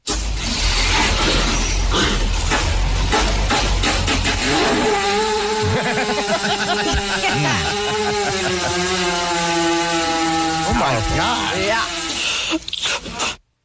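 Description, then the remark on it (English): A long, loud fart from a cow laid down while someone pushes on its stomach: rough, blustery rushing gas that turns into a sustained flapping buzz with a wavering pitch, lasting over ten seconds before cutting off. “But they can fart, but it's in a very particular way. They usually lay them down and somebody pushes on their stomach.”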